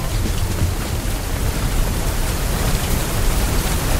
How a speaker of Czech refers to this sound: Prší. Taky u vás prší.